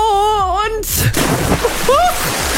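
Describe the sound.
During an Aqua Pilates class, a sustained, wavering vocal cry is cut off by a loud splash as someone falls into the water, followed by sloshing and a brief rising voice.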